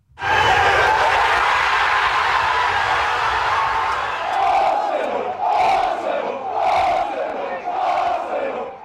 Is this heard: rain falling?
no